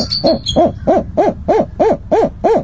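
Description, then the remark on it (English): Recorded adult bird calls echo through a room at a rearing center for young birds: about eight loud, evenly spaced hoot-like notes in quick steady rhythm, each rising and falling, with no talking. “Sometimes that means staff members hide behind camouflage while adult bird calls echo through the room.”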